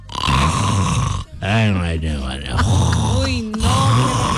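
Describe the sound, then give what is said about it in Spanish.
A man snores loudly, with harsh, rattling snorts that carry on almost continuously for several seconds, mixed with groaning, voice-like tones. “Uy, no, a mi un novio me llega a roncar de esa forma y le voy poniendo su media, su calcetín en la boca para que uy, no.”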